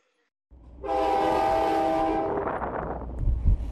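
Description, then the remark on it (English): A train at Andor Railway Station sounds a long, loud horn blast lasting over a second, then keeps rumbling and clattering with heavy low-end noise. No one speaks. “53-year-old Chuan Jinbo now works at the Andor Railway Station.”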